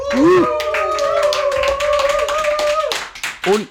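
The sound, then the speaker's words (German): An audience bursts into loud applause for a woman, a dense, steady clatter of many hands clapping, with a long sustained cheer or whoop riding over it before fading near the end. “Macht mal Lärm für die liebe Dame hier.”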